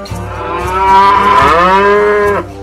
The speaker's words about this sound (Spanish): Me encanta contemplar las vacas recostadas en el pasto masticando su bolo alimenticio.